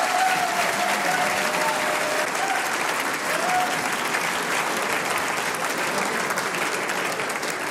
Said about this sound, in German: das ist dein Applaus.